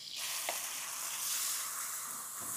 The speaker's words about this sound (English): So now I'm going to go in with the onion. This onion's going to cook like in 1 second. Try not to get it on my hand.